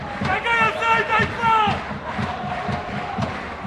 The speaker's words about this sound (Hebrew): ברקע שמעתם אוהדי הפועל רמת גן מתוסכלים קצת. למי הוא נמאס? אני לא הצלחנו לשמוע מפה, אבל זעקות היו מאוד חזקות על האוזניים שלנו.